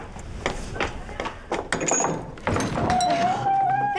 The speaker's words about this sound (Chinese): 哎呦， 有人敲门， 谁呀？饭点来串门， 我去 开门去呀。